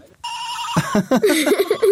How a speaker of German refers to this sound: ein wirklich sehr kleines Kuscheltierschaf in der Hand, das wahrscheinlich mal klang wie ein echtes kleines liebes Schaf, aber mittlerweile, finde ich, klingt es wie ein erkältetes Raumschiff.